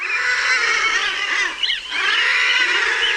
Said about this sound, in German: So klingen Trottellummen. Sie sind ungefähr so groß wie Enten, sie haben aber einen spitzen Schnabel. Von oben sind sie ganz dunkel, der Bauch ist weiß.